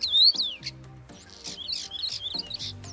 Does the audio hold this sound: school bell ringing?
no